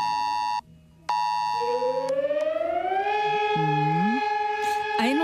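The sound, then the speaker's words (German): A civil defense warning siren in Bielefeld, Germany, sounding at 11 a.m. on the nationwide warning day, wails steadily with a rising, harmonic-rich tone, briefly cutting out before resuming at full strength; a few faint voices and other tones drift in underneath. “Sirenen haben beim Warntag in Bielefeld geheult.”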